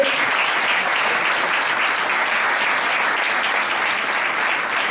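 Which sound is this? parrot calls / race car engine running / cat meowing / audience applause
audience applause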